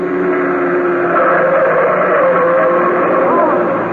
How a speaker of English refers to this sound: There's a car coming right through that red light.